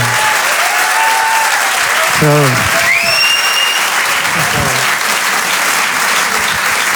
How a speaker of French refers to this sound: Merci beaucoup. Merci beaucoup. On peut l'applaudir.